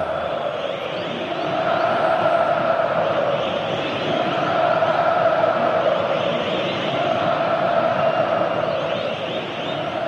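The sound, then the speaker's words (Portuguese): A huge crowd of Corinthians supporters in a football stadium roars continuously as their team wins a corner kick, a dense sustained wall of voices that swells slightly and stays loud throughout, with no single voice standing out. “Na pontada pela direita, o Corinthians ganha o escanteio, já é o suficiente para incendiar a arena. Torcida vem junto, a arena pulsa.”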